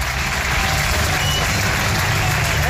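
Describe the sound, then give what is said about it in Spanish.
A crowd of Racing football fans gives a sustained ovation, a steady, dense roar of clapping and cheering that stays loud and even throughout with no pauses, welcoming midfielder Sergio Canales at his presentation at the Campos de Sport del Sardinero in Santander. “Es un referente y los aficionados lo recibían ayer con esta gran ovación en esa presentación en los campos de Sport del Sardinero.”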